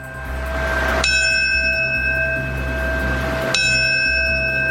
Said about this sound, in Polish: Minutę ciszy poprzedziło siedmiokrotne bicie dzwonu.